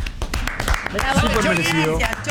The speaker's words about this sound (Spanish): Bueno, aplaudimos entonces, fuerte el aplauso para el Chori.